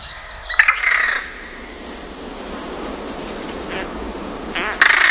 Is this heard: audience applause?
no